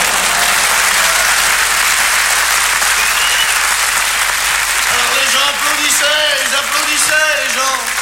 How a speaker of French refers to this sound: Ils applaudissaient, les gens.